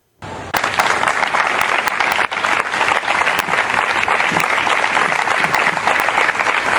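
Sustained applause at the University of Granada in memory of Claudia, a dense steady patter of many hands clapping at full volume from start to finish, with a few sharper individual claps standing out.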